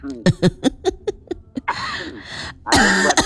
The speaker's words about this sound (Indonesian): Sama saya batuk juga. Habis makan kerupuk bawaannya batuk ya.